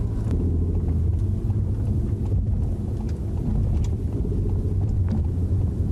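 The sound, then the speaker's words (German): Steady low rumble of a car driving a 4.5 km city route with 11 traffic lights while testing a green-wave traffic-light app, heard from inside, passing the first light on green, with continuous road and engine noise at an even loudness and occasional faint hiss from passing traffic. No one speaks. “Und da war schon die erste Ampel, die wir bei Grün überfahren haben.”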